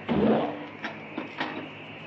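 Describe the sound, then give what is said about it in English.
A mechanical whir with a low hum starts up, followed by three sharp metallic clicks at uneven intervals as the elevator's magnets engage, set against a steady machine drone. “There go the magnets, Jerry. I can hear them.”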